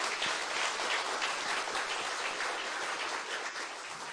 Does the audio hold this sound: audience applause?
yes